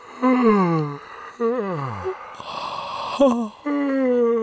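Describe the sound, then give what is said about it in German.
Several drawn-out yawns in a row, each a breathy, voiced groan that slides downward in pitch, with a long airy exhale between them, fairly loud. “Schon klar, es geht ums Gähnen, braucht ja nicht viele Worte drüber.”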